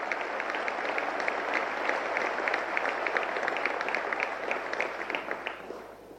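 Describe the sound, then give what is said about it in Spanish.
Sustained audience applause welcoming former Argentine president Mauricio Macri to give a keynote lecture, a dense wash of many hands clapping at a steady loud level for several seconds before tapering off slightly at the end. No voices. “Recibimos con un fuerte aplauso al ingeniero Mauricio Macri, expresidente de la República Argentina.”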